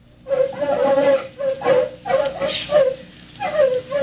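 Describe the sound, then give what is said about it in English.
Several artificially enlarged terriers loosed in crop fields yip, whine and bark in quick overlapping bursts, a continuous agitated chorus of high whimpers and short barks, with no talking. “L plus 50, artificially enlarged terriers loosed in the fields of the fast crops.”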